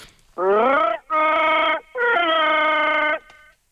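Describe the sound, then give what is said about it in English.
A man imitates Chewbacca from Star Wars, letting out three long, loud, moaning growling roars, the first rising in pitch, with short pauses between and no other talk. “Give us your Chewbacca, mate.”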